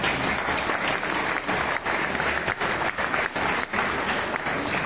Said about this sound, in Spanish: Quiero un gran aplauso, por favor, a todos los presentes.